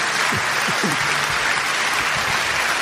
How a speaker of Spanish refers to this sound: Dale un aplauso a Dios si tú puedes.